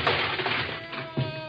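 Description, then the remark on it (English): An office door is kicked open with a loud, splintering crash, followed by a rattling clatter and a heavy thud near the end. No voices. “I'll kick the door open, and that way if the cat shoots, he'll miss us.”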